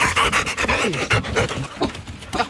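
A dog pants rapidly and steadily up close, with quick breathy huffs repeating in an even rhythm for a couple of seconds, loud and clear with no voices.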